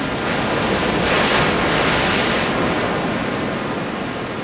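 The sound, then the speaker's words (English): Ocean surf roars steadily, with one wave swelling louder and crashing onto the shore before easing back into a continuous wash. No voices are heard. “And then later we then went to see the rest of the family, and that's where the ocean was, these big, incredible waters.”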